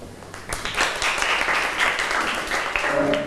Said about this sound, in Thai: ขอเชิญตัวแทนได้เลยปรบมือให้เพื่อน